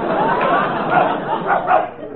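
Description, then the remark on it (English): A dog gives a few short barks close together, muffled and mixed in with background chatter over a narrow, phone-like line. “Oh, so that's Daisy. Does he bark very much?”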